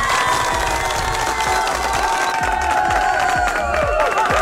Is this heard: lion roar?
no